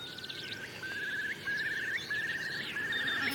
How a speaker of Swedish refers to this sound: och jag har ett tranor, vi har ett enkelbeckasiner. Ska lyssna lite. Där var enkelbeckasinen.